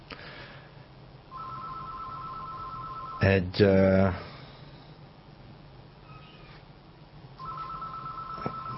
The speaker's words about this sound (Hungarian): Telefon...